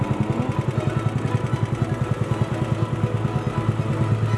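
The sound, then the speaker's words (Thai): A small boat engine chugs steadily, its rapid regular thumping pulses running loud and unbroken, with no voices over it, as the boat heads out on Khlong Phra Khanong canal to collect fish traps set under a bridge. “ทุกวันหยุดจะขับเรือลำเก่งพร้อมอุปกรณ์ใส่ปลาออกไปกู้รอบที่ดักไว้ใต้สะพานในคลองพระโขนงครับ”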